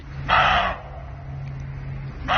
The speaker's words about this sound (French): Celui-là, je l'aurais reconnu, je crois. Ouais, on l'entend souvent. C'est le chevreuil. C'est le chevreuil. Le chevreuil aboie. Le chevreuil aboie.